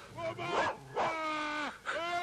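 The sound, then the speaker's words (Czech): A dog barks in three drawn-out, whiny yelps separated by brief pauses as it is shut into a shed in a yard, fairly loud and with no one speaking. “Podívejte, teď zavírá psa do kůlny.”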